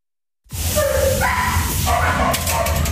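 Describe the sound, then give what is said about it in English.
A loud, echoing chorus of many dogs barking and yelping over one another at an animal shelter, kicking in abruptly after a brief silence and continuing without pause. “That means the dogs and cats they've taken in as foster pets go back to the shelter.”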